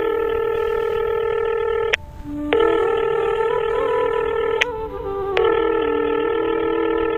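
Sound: telephone dialing and ringing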